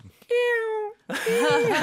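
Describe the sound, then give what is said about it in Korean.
A person's voice imitates a cat meowing: one long, steady, nasal mew, a brief pause, then a second wavering, whiny meow, both fairly loud. “고양이 소리 잘 내네요.”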